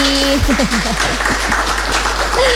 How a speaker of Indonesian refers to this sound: Oke, dan juga sudah bersama dengan kita di sini audiens-audiens yang luar biasa, teman-teman mahasiswa, tepuk tangan dulu dong buat semuanya yang ada di sini.